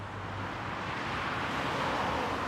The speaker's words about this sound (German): Das würde den Lärm verringern. Noch aber dürfen Autos hier mit 50 km pro Stunde vorbeifahren.